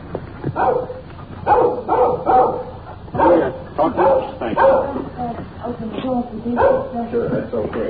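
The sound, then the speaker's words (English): A little dog following people at a small English-type cottage with a rose-covered fence, keeping at a safe distance, barks and yips over and over in quick, uneven bursts, loud, keeping up a steady stream of high-pitched noise throughout. “Little dog following us, keeping at a safe distance. He's making an awful lot of noise for a little fella.”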